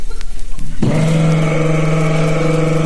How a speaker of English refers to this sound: So here comes a guy in a VW.